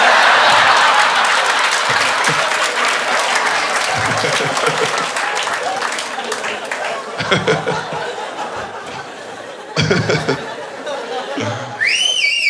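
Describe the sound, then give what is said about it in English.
A crowd applauds and chatters with scattered laughter, then near the end someone lets out a loud, shrill whistle in two quick rising-and-falling swoops over the noise. “You can make them do all sorts of flippies with a whistle like that.”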